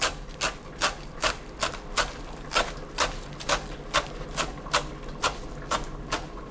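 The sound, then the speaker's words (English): A knife chops coriander on a cutting board in a steady rhythm, roughly fifteen crisp, even taps over a low background hum, with no talking. “I'm gonna chop up the rest of the coriander here.”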